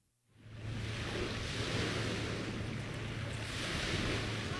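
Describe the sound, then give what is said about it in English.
Distant ocean waves crashing on shore, heard through the tree line of Refuge Cove State Recreation Area north of Ketchikan, blend into a steady, continuous roar of surf that swells in almost immediately and holds at an even level, with no voices. “The distant sound of crashing waves rings through the tree line of Refuge Cove State Recreation Area, north of town.”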